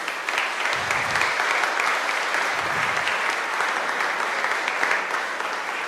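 Sustained applause from a large audience at the feast of San Giovanni Battista, applauding the confraternity and committee who organised it, a dense steady wash of many hands clapping at once for several seconds, fairly loud, with no voices standing out.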